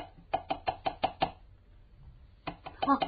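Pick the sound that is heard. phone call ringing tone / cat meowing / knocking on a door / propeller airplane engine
knocking on a door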